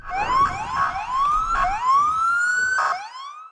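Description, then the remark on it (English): Several police sirens wail at once near the White House in Washington as police officers and other law enforcement agents converge after reports of multiple shots fired, their rising and falling tones overlapping in a continuous, urgent chorus with bursts of harsher noise, loud with no talking. “Sirens rang out as police officers and other law enforcement agents converge after reports of multiple shots fired near the White House.”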